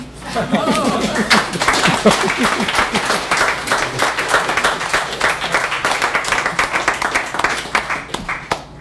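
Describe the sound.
A crowd applauds steadily, dense overlapping claps filling the room for several seconds, with scattered laughter and voices mixed in underneath.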